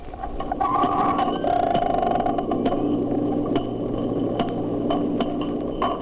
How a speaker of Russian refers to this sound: Сейчас четыре дельфина изучают микрофон, который опустили в бассейн. Они обходят его со всех сторон, удаляются, приближаются. Чтобы понять, как действует локатор дельфинов, попробуем замедлить запись для начала 8 раз.